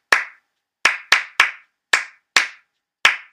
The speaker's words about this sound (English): And that was me, you know, in the hot box, just layering claps over one over another and just saying, okay, that's a start to something. And then I kind of would just hear what was missing, like where can I fill in even more gaps between those two